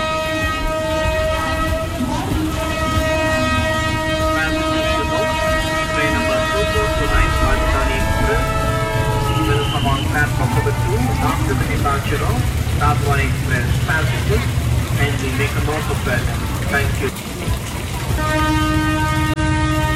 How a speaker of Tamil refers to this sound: Train move ஆக போகுது, சீக்கிரம் வா.